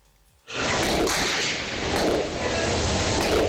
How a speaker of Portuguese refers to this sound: Escuta aí, minha gente. Olha bem o tiroteio. É muito tiro que está sendo dado agora. Muito.